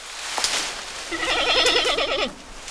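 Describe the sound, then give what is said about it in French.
A giant panda gives a single bleating call, a wavering, quavering goat-like bleat lasting about a second, fairly loud against quiet background hiss. “C'est un grand panda.”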